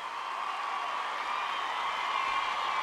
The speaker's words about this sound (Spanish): Un aplauso de verdad para él.